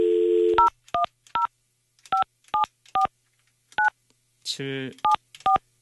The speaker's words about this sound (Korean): 제가 직접 전화하고 있어요. 일반 전화라고 합니다.